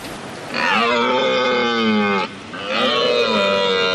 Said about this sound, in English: What you are listening to is the roar of a red stag, a big red stag during the rutting season in the Highlands in Scotland.